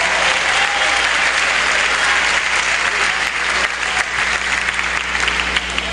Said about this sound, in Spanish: Dele fuerte el aplauso.